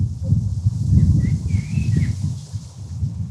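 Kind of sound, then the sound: nature, wind blowing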